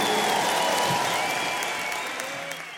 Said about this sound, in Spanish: Un aplauso para ellos y para todos los músicos de este país.